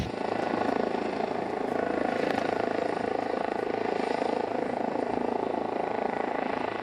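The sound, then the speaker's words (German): A helicopter drones steadily and loudly while pulling a yellow pilot rope hooked on at a mast for power line construction, its rotor and engine roar forming an unbroken wash of noise for several seconds with no voices. “Wir merken quasi unmittelbar am Hubschrauber, dass mehr Zug drauf ist”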